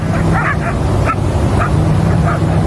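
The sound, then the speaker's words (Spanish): Several dogs, from about 300 living around a garbage dump in La Pedrera, Cerro Largo department, some 7 kilometres from the town of Melo, bark and yip in short, overlapping bursts over a steady wash of outdoor noise. “Con frecuencia forman jaurías que atacan animales de la zona.”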